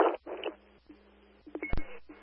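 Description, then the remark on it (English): Short electronic radio dispatch alert tones mixed with bursts of static and a sharp click, coming in quick, uneven pulses over a low hum, with no one speaking. “can you hit the tones again?”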